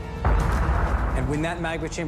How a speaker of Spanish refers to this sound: La presión aumenta hasta que la superficie terrestre se agrieta. Y el volcán explota.